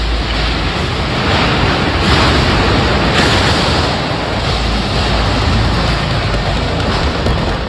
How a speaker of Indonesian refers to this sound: Kamera warga merekam detik-detik angin kencang menerjang kawasan industri